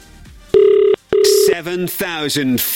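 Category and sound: signal or alarm, telephone call ringing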